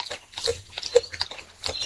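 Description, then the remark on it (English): A koala chewing eucalyptus leaves and tugging at a branch on Raymond Island, southeastern Australia, on a warm, clear autumn evening: irregular crunchy bites and soft tearing sounds follow one another quickly, with faint snuffling in between and no voices. “Now, our koala, incidentally, you can hear that chewing there.”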